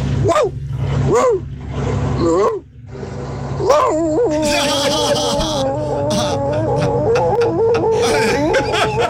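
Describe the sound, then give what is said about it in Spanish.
A man imitates an old workshop dog with gravelly, whining growls and drawn-out howling yelps that rise and fall, while noisy background commotion builds up partway through. “voy a ser como perro de taller, este perro viejo”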